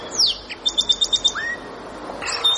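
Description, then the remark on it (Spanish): A blue-throated barbet calls, opening with a descending whistle, then a quick run of about six sharp, evenly spaced high notes, a brief rising note and more chirping at the end, clear. “Este es el cuco otra vez. Barbudo gorgiazul.”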